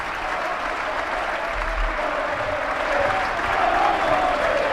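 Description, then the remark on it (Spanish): The Belmonte stadium crowd applauds steadily during substitutions as Yogo, San Bartolomé and Pepe Sánchez go off and Javi Moreno, Ale Rubio and Dani Bernabéu come on, a dense wash of clapping that swells slightly louder toward the end, with no voices standing out. “Ahí están los aplausos del Belmonte, lo escuchamos.”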